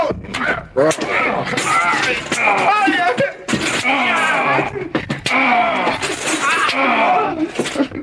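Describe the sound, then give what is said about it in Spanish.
Several sharp whip cracks snap out at irregular intervals, loud, over continuous pained groaning and strained vocal sounds, as a Christian is lashed in the centre of an arena. “Lleven a este cristiano al centro de la arena y ayúdenlo con unos buenos latigazos.”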